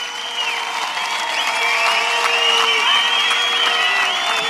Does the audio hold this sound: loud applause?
yes